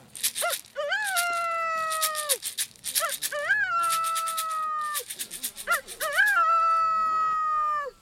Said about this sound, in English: The rooster's main call is he makes a crow sound, which is.